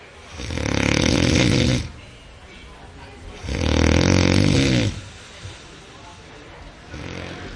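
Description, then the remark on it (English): A person snoring loudly, with two long rasping breaths about two seconds each, separated by quiet pauses, and a fainter third snore starting at the end. “Well, if that sounds familiar, you sleep next to a snorer, and that could be impacting your health, according to experts.”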